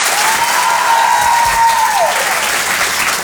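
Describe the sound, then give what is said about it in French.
Steady, dense applause from an audience welcoming a comedian, filling the whole stretch, with a thin whistle rising then sliding down through the middle of it. “Je vous demande de l'encourager très, très chaleureusement, s'il vous plaît.”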